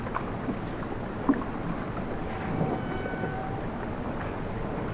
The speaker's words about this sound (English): We're hearing cetaceans. Some whales wailing.